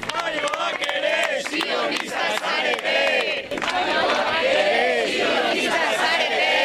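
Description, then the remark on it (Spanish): A loud crowd of several dozen supporters chants and shouts slogans in unison, many voices overlapping in rhythmic bursts with sharp accents and brief claps, sustained at steady high volume, ending a declaration read entirely in Basque by the flotilla's spokespeople. “Con estos gritos ha acabado una declaración leída íntegramente en euskera por los portavoces de la flotilla, arropados por varias decenas de simpatizantes”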